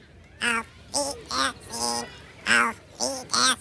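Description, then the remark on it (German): A parrot named Lore squawks seven times in a quick, fairly even series. The calls are loud and harsh, with short pauses between them and no other sounds around. “Lore heißt der Papagei.”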